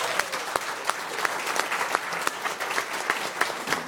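An audience applauds steadily, a dense wash of many overlapping claps with sharper individual claps popping out irregularly throughout. No one speaks over it.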